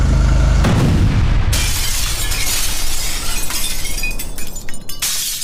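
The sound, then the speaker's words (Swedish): A loud bomb blast on Pipersgatan, about 10 metres before the crest of the hill: a deep, rumbling boom followed a second later by a harsh burst of shattering glass and crackling debris that rattles on for several seconds. “Och han svänger upp, kör Pipersgatan och precis på krönet, eller kanske någon 10 meter innan krönet där, så exploderar bomben.”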